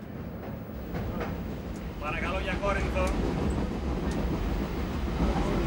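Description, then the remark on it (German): A train in Greece, with simple wagons and no air conditioning, rumbles steadily along old tracks past the Isthmus of Corinth, 80 kilometres from Athens, with a loud, continuous low roar and faint clattering, while a voice speaks briefly partway through. “Aber jetzt lässt sie die großen Städte hinter sich und fährt so schnell, wie die alten Gleise es noch zulassen.”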